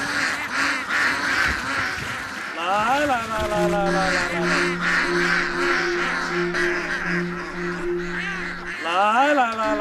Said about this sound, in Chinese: 此刻，一群鸭子正高兴地奔向他们的午餐。